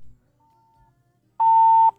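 During a radio phone-in, a caller's telephone line from Sako village gives a faint, thin tone followed by one loud, steady mid-pitched beep lasting about half a second, with no talking over it.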